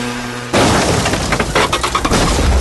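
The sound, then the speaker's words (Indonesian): A sudden loud crash from a traffic accident bursts in after a quiet half-second, followed by a sustained clatter of breaking glass and scraping debris, like a vehicle collision. “Ih, apa kaya? Kecelakaan apa?”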